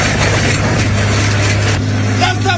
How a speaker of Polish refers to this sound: 60-latek twierdził, że część drogi należy do niego. A skoro tak, to podjechał traktorem z podpiętym pługiem i...